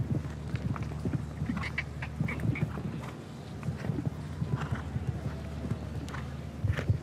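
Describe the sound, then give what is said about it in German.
A horse's hooves thud and clop in a steady, uneven rhythm over a low, constant rumble, with no one speaking, as the rider helps the horse along with leg pressure and the unsure horse slips slightly. “Sie sehen, wie der Reiter seinem Pferd so ein bisschen helfen muss.”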